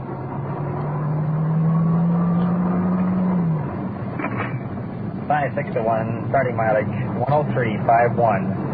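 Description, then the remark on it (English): The engine of an unmarked black police detective sedan drones steadily while driving, its pitch rising slightly before dropping away. Road rumble continues underneath as a man begins talking over it. “You're riding in a detective unit. Black sedan, radio buried in glove compartment.”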